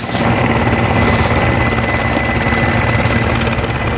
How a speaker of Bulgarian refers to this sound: Асове на бойната ни авиация прелетяха над София днес по време на репетицията за утрешния празник.